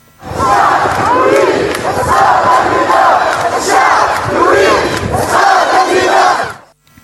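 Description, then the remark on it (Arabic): A large protest crowd of about 2,500 people in Tunisia chants slogans in unison against the ruling system and worsening living conditions, loud and sustained, with rhythmic surges of many voices repeating phrases over about seven seconds before cutting off. “هو هتاف يعيدنا إلى تاريخ مضى عليه وقت طويل في 2010 في تونس.”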